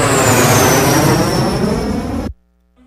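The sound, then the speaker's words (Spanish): A loud jet airplane roars past with a high whine that slowly drops in pitch, filling the air with dense rushing noise before cutting off abruptly into silence. “Y nosotros regresamos después de este corte más rápido que un jet.”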